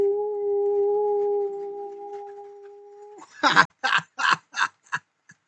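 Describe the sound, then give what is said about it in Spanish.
A person imitates a wolf with one long, steady, wavering howl lasting about three seconds, followed by five short, breathy bursts like laughter that fade out. “y todos los buenos deseos, se los envío con mucho cariño, a través de un aullido.”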